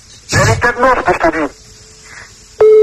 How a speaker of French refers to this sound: Ah oui, là, oui, pour arriver 15 sonneries, c'est qu'elle est partie en vacances, là.